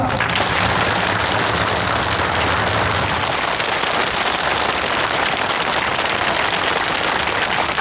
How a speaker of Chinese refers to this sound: 掌声祝贺他们。